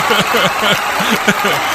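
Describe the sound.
A burst of steady, dense applause lasting under two seconds during a Mix FM Radio broadcast in Punta del Hidalgo, with voices calling out and laughing over the clapping throughout.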